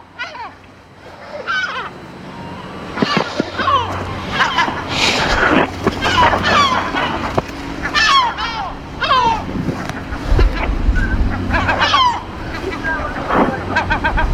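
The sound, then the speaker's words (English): Seagulls call again and again while dive-bombing people near their young, sharp overlapping cries rising and falling, over a steady rumble of wind and water like an engine or surf. “The seagulls constantly dive bombing.”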